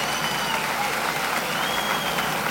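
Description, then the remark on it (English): Sustained, dense applause from a crowd for the band at the WRGW and James Brown Show, a steady wash of clapping that stays loud for the whole stretch, with faint whistle-like cheers threading through it. “Give the band a big round of applause.”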